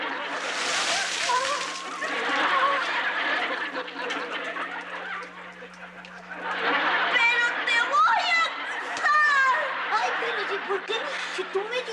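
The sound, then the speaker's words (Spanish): A burst of water being thrown onto someone and splashing, with sloshing noise amid lively voices, chatter and snickering laughter. “pues yo te eché agua.”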